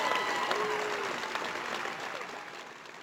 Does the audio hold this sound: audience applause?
yes